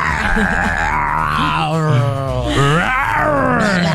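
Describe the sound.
A person growls and roars in imitation of a big cat, producing a loud, sustained, rasping vocal roar that rises and falls in pitch for several seconds.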